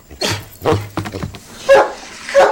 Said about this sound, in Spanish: Oye, oye, basta de ladridos, todos están dormidos.